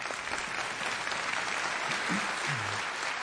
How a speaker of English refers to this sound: Go ahead and clap, that's okay.